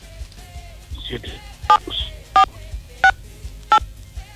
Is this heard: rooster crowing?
no